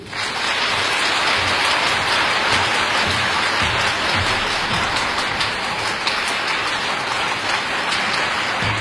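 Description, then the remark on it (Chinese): Sustained audience applause welcoming the music director of a program of early American musical theatre songs, a dense, steady wash of many hands clapping at an even, fairly loud level throughout, with no voices over it. “那么下面呢，让我们先掌声有请今天的音乐总监，上海音乐学院音乐剧系副教授，上海纽约大学昆山杜克大学客座教授”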